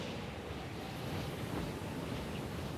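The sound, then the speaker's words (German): A strong, cold bora wind, a sudden downslope wind arising in the Velebit on Croatia's coast, roars steadily without pause over land and sea. It is a dense, gusty rush that blends with the wash of sea surf. No voices. “Die Bura, ein kalter Fallwind, kommt plötzlich, pfeift über Land und Meer und erreicht Geschwindigkeiten von über 200 Kilometern pro Stunde.”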